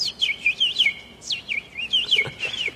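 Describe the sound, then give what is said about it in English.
A person whistles a bird call, a run of quick, high, swooping chirps repeated in short bursts, clear, with no talking over it. “Do that bird thing again.”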